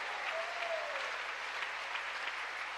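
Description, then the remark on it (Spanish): An audience applauds God steadily for about three seconds, a dense, even wash of many hands clapping at a moderate, constant loudness with no clear talk over it. “¿Y cuánto le dan un aplauso al Dios de dioses, al Rey de Reyes que está aquí en nuestros medios?”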